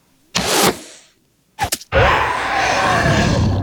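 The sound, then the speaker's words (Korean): A monster's pained screams after an arrow strikes its left front paw: a loud, harsh outburst, a pause, a few short choppy cries, then a long rasping howl that holds steady to the end. “괴수의 고통스러운 비명이 연이어 터져나왔다.”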